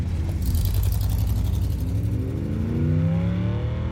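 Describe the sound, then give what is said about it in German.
A car engine revs loudly, its pitch climbing steadily as the vehicle pulls away and accelerates, driving toward the Plaza on the south side of Central Park, with no voices present. “Fahren wir zum Plaza auf der Südseite vom Central Park.”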